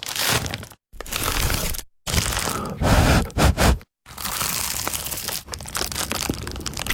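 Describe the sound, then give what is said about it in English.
Loud crunching and crackling of someone biting into the crisp crust of an award-winning Dad's Pies pie, in several separate bursts broken by brief silences, with a couple of short sharp crunches in the middle. “Ah, that was the sound of an award-winning dad's pie.”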